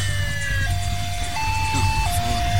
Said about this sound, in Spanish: El coche patrulla pasa de largo.